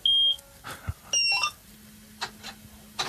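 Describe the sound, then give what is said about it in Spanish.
A combine harvester is started with a key like a car's, heard over the radio: high electronic beeps as the key turns, then a low, steady drone rises and holds underneath a few soft clicks and knocks. “Bueno, no sé si encender, tiene un botón de encendido la cosechadora, no sé cómo... Tiene una llave como un coche y sí.”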